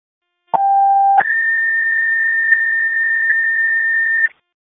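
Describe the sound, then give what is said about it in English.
A dispatch notification alert tone for GBAC: a short lower steady tone jumps to a long, higher sustained tone lasting about three seconds, loud and electronic, with no voices. “Notification for GBAC, Nova”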